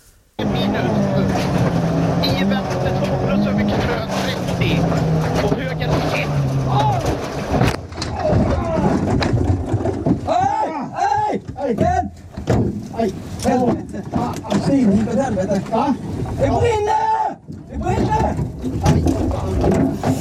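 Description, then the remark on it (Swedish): A rally car's engine roars steadily during the Swedish championship (SM), then a sudden loud crash of impact as it drives straight into a tree after its steering column broke, followed by agitated, shouting voices over continued rumbling and clatter. “lyssna på den där gången när du kör rakt in i ett träd.”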